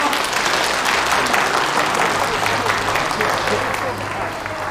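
A crowd claps steadily for nearly five seconds as acting chairman Ma is invited to speak, a dense, even patter of many hands that holds its loudness and eases off slightly at the end, over a faint low hum.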